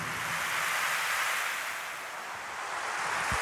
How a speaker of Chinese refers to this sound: 海波浪一阵一阵